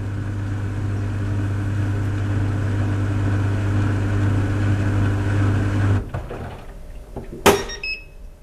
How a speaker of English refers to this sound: European small dryer with some confusion. Yeah. Okay, let's listen to that because now I'm really curious what this dryer sounds like.